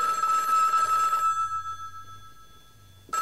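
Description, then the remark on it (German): A telephone bell rings loudly for over a second, then its metallic tone lingers and fades into a quiet hum before a second ring begins abruptly at the end. “Also jetzt dumm zum Telefonieren.”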